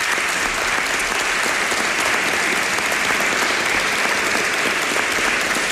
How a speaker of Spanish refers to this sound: es un maestro de periodistas de esta ciudad, querido amigo, que no puede estar este fin de semana con nosotros, pero al que yo quiero que ustedes dediquen un cariñoso aplauso. Ramón Fon.